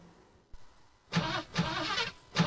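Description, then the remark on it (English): A car engine cranks and catches after a quiet moment and a single click, then roars in several loud surges of revving. No one speaks. “Oh yeah, get those engines running!”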